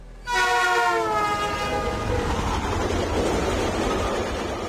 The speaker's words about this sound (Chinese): 哈尔滨火车站，郑明哲首次见到了他在中国的顶头上司，才知道她竟是一个女的。